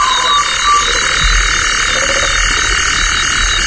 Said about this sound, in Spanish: Un sapo, también hay sapo. Sí, y una polluela africana.